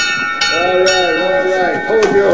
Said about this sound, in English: He rings a nearby bell.